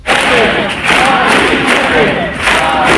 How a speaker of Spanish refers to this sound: Es sonido de Madrid, donde 20.000 personas, según delegación del Gobierno, han marchado desde la acampada en la Puerta del Sol hasta la que fue su casa.